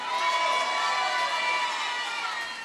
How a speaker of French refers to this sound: S'il vous plaît, La Réunion, tonnerre d'applaudissements.